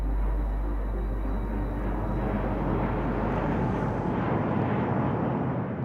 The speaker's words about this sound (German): Wie wird die Nacht heute? Wird sie zur Ruhe kommen? Wie oft werden die Flugzeuge sie wecken?